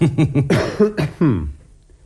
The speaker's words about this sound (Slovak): A čo tu všetci kašlete? Vy kašlete, váš butler kašle.